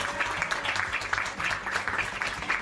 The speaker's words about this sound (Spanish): un fuerte aplauso para él, en el tiempo que estuvo.